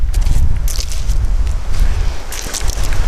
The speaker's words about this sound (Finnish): Ja mennäänkin muuten kovassa tuulessa. Mä kiipeen pöllin päältä kynnyksen yli ja tadaa!